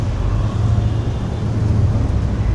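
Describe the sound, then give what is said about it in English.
A steady wash of street traffic with motorcycles and mopeds, a continuous low engine rumble and hum, the drone of passing motor vehicles blending together without any talking. “Motorcycles and mopeds and more motorcycles.”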